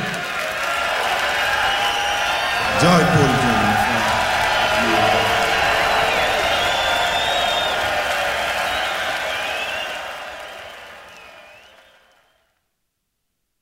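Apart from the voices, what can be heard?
audience screaming and cheering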